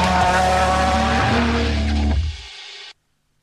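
A loud rally car of the WRC World Rally Championship in Chile roars past, engine snarling with tires skidding and squealing on loose ground, then the noise cuts off abruptly after about three seconds.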